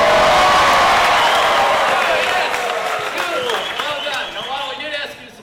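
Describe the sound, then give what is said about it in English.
A game show studio audience erupts in loud, sustained cheering and applause for contestants who hit 1 million points with the Disney Cruise, with dense clapping and whoops that stay strong throughout before tapering slightly, while a voice talks over the noise near the end. “We want you to cheer them on, applaud when they get a question right. In fact, we want you to go absolutely nuts.”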